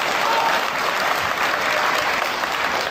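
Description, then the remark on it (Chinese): An audience claps steadily, a dense, even wash of applause that stays loud and sustained for about three seconds with no voices standing out. “各位别客气，您都是见证人，还鼓鼓掌，喊他喊他，我们总得要脸。”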